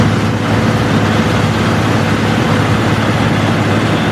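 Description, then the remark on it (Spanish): Airbus A400M military transport aircraft fitted with a firefighting kit, its engines roaring loud in a steady, unbroken drone. A deep throbbing hum sits under a broad wash of rushing noise, with no voices. “Y así suena un avión Airbus A400M.”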